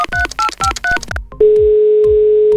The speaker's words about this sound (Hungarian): A képernyőn előttem egy telefonszám. Tárcsázom.